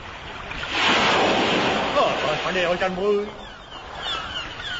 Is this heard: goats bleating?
no